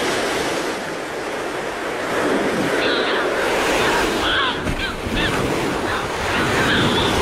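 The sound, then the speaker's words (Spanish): An Audouin's gull gives several short, harsh calls over the steady roar of breaking ocean waves. The calls come in scattered bursts midway and again near the end. “Estas son las dos especies que oiremos sobre las olas. La gaviota de Dowin.”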